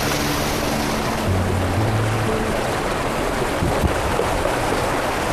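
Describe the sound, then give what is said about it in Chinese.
Water rushes steadily over a stone weir dam, the Daqingshan Dam in a karst area of Guizhou, China, built directly on the natural rock cliff, a dense, continuous roar that holds the same level throughout, with a faint low hum underneath and no voices. “这个坝呢，叫做大青山坝。”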